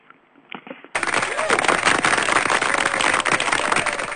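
After a short, quieter opening, loud audience applause breaks out abruptly and carries on steadily to the end, a dense crackling wash of many hands with faint voices mixed in.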